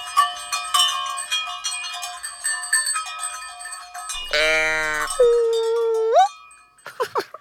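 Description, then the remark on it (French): Many cowbells worn by a herd of cows clang and ring together at first, then a voice lets out a long, loud, nasal moo imitating a cow, rising at the end, followed by a few short vocal sounds. “tu fais la vache? Tu t'es caché au milieu du troupeau de vaches?”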